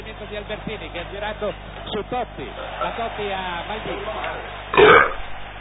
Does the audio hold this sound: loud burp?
yes